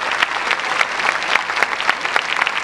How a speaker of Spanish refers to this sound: Antes de comenzar, quiero que le demos un aplauso enorme a esta maravillosa orquesta.